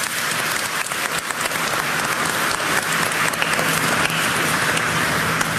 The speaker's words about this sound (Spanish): Hoy celebramos la solemnidad de la Santísima Trinidad. Un aplauso, Santísima Trinidad.